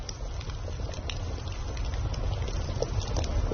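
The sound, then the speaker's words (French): A casserole pot gently simmers over a crackling campfire in the evening, with a steady low bubbling rumble and scattered small pops and crackles throughout, moderately quiet, no voices. “Un léger glouglou régulier, chaleureux, rassurant. C'est une cocotte qui mijote sur un feu qui crépite.”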